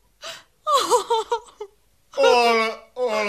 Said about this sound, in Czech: nač ten pláč?